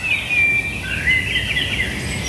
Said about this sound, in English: We got Robin there. Robin. Blackbird.